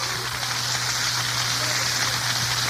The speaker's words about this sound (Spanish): Y a su nombre, dé un aplauso al Señor fuerte esta noche.